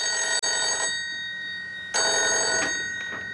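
A telephone bell rings loudly in two shrill bursts separated by a short pause, with no voices present; it is a call from the telephone operator with an urgent message for King.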